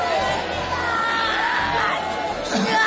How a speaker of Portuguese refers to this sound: Irmãs obreiras aqui na frente vão gritando para Jesus queimar ele. Vão gritando para Jesus queimar.